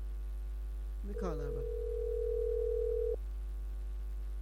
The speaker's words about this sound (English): Let me call her back. I hope she's on the phone. I ring.